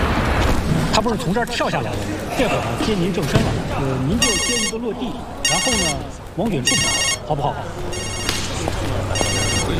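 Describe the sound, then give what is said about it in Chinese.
A telephone rings in five evenly spaced electronic bursts, loud, as someone keeps calling, while people talk and move around underneath on a busy film set. “哎，对了，有人一直给你打电话， 说好，挂吧。”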